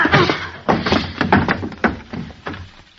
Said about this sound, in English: Jeepers. What'd you hit him with the chair for